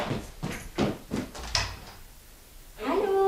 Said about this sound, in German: Die Tür zur Werkstatt geht auf. Potenzielle Kundschaft.